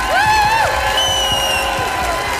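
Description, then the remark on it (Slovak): A large crowd applauds and cheers loudly and continuously for two performers, with dense clapping, sharp whistles and whoops rising above a steady roar of noise. “Obrovský potlesk”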